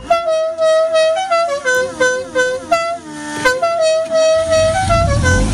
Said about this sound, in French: Vous vous souvenez du bruit du klaxon le matin quand le boucher, le boulanger ou tout autre commerce itinérant arrivait chez vous, chez vos grands-parents, chez vos arrière-grands-parents?